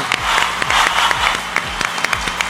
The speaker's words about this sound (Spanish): Si quieren aplaudir, adelante.